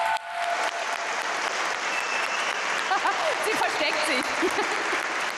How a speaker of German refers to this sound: Einen Riesenapplaus für dich.